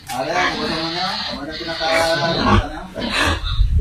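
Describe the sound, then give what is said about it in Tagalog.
Pigs grunt and oink in a backyard pen, a steady run of rough snorts and squeals lasting several seconds, with muffled voices mixed in. “Pero damo, galisan yung mga baboy, ho. Sa tangkal niya, backyard na klase.”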